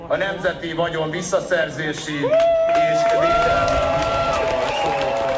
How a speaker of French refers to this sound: Mettez-les en prison, scande la foule.